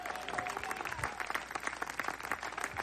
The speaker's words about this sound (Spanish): Dele fuerte ese aplauso si es para Cristo.